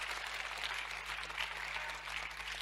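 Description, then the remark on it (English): An audience claps steadily throughout, a dense, continuous patter of many hands at moderate volume, with a faint low electrical hum underneath and no one speaking. “Anybody clapping?”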